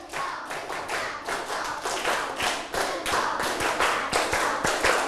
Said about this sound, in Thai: ปรบมือ5ครั้งปรบมือ1ชุด